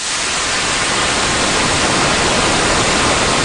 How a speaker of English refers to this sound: we can tilt this flat white noise to add emphasis to other sets of frequencies